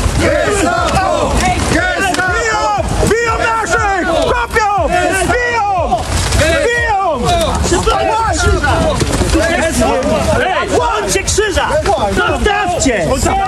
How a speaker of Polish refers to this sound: Interweniowała policja, doszło do starcia. Gestapo! Gestapo! Gestapo!